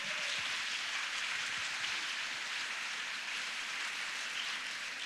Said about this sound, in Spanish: Recibámosla con un aplauso al Señor, por favor.